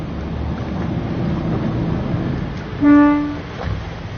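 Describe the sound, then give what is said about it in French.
A single short toot of a dive boat's horn, lasting about half a second, signalling divers to come and hold on to the boat, sounds clearly over a steady, rushing wash of waves and water noise. “il va mettre un petit coup de klaxon, comme ça, les plongeurs vont venir...”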